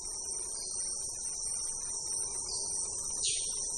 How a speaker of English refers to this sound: Focusing on the sound matters in the Amazon, I could say that this is a relentless multi-instrument orchestra consisting of the sound of birds, insects, plants, frogs, mammals, underwater sonic affairs.